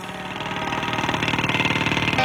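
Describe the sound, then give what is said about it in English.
A jackhammer pounds away right up close, a loud, rapid, steady rattle of percussive blows with no break, harsh and machine-like throughout. “They didn't have to get the mic so close to the said jackhammer, but, yeah, but nonetheless.”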